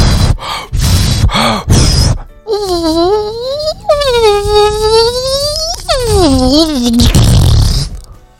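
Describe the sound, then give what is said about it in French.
Breathy puffs of air blowing up a rubber balloon, then a long, wavering high-pitched squeal as air is let out through the stretched neck held between the fingers, ending in a rushing hiss as the balloon is let go. “Oui, bonne réponse, parce que tu vois, je le gonfle d'abord, le ballon, et ensuite, tu sais, j'attrape les deux petits trucs pour faire sortir l'air, et après je le lâche et il fait...”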